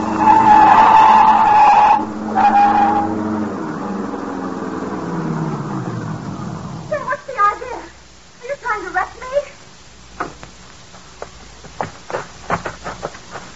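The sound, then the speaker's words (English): A car is run off the road into a ditch, skidding with a loud, high tire screech for about three seconds, then a rough rumble fades out, followed by voices and scattered knocks and thumps. “Now, run her off in the ditch.”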